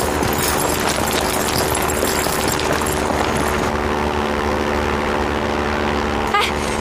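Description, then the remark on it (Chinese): A propeller airplane drones overhead, a loud, steady engine roar with low rumbling throb that holds constant throughout, with no one speaking. “飞机， 哎， 是不是谷主席来给我们送东西了？”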